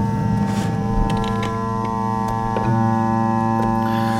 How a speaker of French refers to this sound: Donc c'est pas vraiment la radio en fait, c'est la radio qui écoute l'alimentation des horloges.